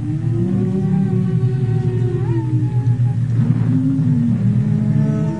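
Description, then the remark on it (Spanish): Eerie wind whistles and moans steadily outside a house in the dark, its low hollow tones slowly rising and falling over a deep continuous rumble, with no voices present. “afuera comenzó a silbar el viento de una manera muy extraña.”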